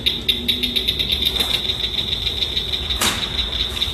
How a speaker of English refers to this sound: She says the key is to associate each frog sound with something else that reminds you of the call. That's exactly what the group does when they practice with the Blanchard's cricket frog's call.